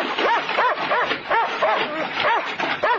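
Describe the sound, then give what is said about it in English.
A dog barks rapidly and insistently behind a wire fence, a steady string of sharp, high yapping barks about three per second, loud and continuous throughout. “How can he bite you, man? There's a wire fence between you.”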